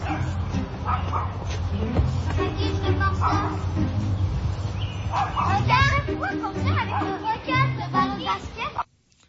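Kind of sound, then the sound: animal, small dog barking nonstop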